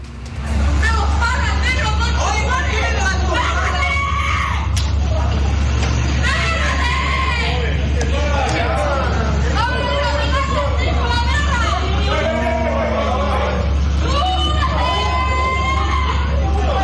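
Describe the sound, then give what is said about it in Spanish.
A chaotic street fight at night in La Cisterna: several voices shout and yell over one another in agitated, loud bursts, over a constant low rumble of idling traffic and the honking of other drivers. “pero yo primero quiero que ustedes escuchen el audio ambiente de esta pelea que se generó en horas de noche en este mismo lugar acá en La Cisterna.”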